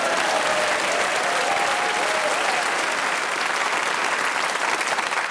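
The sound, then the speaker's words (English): Steady, dense applause from a studio audience, a sustained wash of many hands clapping at an even level for several seconds, with a faint whoop or cheer rising briefly near the start. “And you applaud him.”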